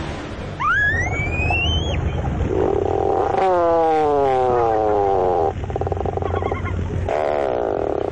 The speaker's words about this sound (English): Although not a first-rate vocalist, the bird making this groan-like call is one of the most recognizable to the eye. These sounds belong to the tufted puffin.